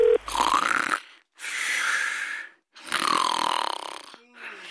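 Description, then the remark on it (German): Three loud, rasping snores of someone who has fallen asleep while on the phone, each drawn out for about a second with brief silent pauses between them, in a steady, heavy rhythm. “Du bist doch schon wieder beim Telefonieren eingeschlafen.”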